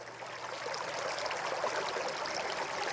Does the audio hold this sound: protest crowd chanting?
no